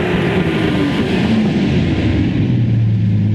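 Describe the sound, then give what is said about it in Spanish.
A Chevy car's engine rumbles as it pulls into a car wash in a town, driven by a young woman: a steady low drone with a slight rise in pitch toward the end, loud and continuous with no voices. “¡Oye, mire el Chevy! ¡Que acaba de entrar!”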